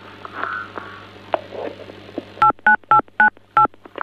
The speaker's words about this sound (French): on dirait que quelqu'un appuie sur des touches de téléphone